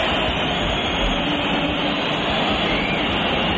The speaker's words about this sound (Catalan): L'afició del Bernabéu, com sentim, va tornar a xiular el seu equip, sobretot després del 3-1 de Sergio Camello pel Rayo al minut 51.